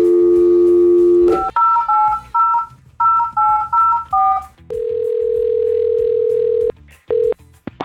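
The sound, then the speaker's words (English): A steady telephone dial tone gives way to a quick run of about ten keypad beeps, followed by a long electronic ringback tone and the start of another ring, clear with no voices. “All right, now let's get Jason on the phone.”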